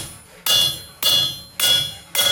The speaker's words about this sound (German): Jetzt musst du es noch ausrichten auf der Richtplatte. Ja. Das heißt, du legst es hier auf und haust einmal ordentlich mit dem Hämmerchen drauf.